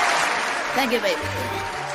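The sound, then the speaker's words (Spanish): A crowd claps and cheers steadily for the night's winner for the whole stretch, a dense wash of applause, while a man's voice briefly calls out over it. “¡Aplauso, por favor, carajo!”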